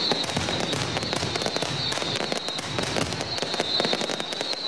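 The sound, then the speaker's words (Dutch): Rapid, dense crackling bursts of fireworks and firecrackers set off by supporters at a football stadium during a match go off continuously, layered over a loud roaring crowd-like wash with a steady high-pitched hiss running throughout. “Nou, zeker niet al het vuurwerk is ingenomen gisteren door de politie. Het gaat voldoende de lucht in.”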